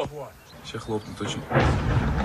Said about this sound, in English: Filming on a smartphone, someone captures the moment. A drone strikes a block of flats just outside the Russian capital.